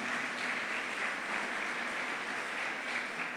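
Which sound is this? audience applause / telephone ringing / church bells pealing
audience applause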